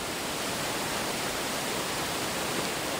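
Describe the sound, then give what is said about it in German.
A steady, full roar of rushing water at the Devil's Bridge (Teufelsbrücke) fills the moment, dense and unbroken like a waterfall, with no voices or other sounds cutting through. “Sie sagt, kühn ist das Menschenwerk, aber fragil und schwach gegen die Macht des tosenden Wassers.”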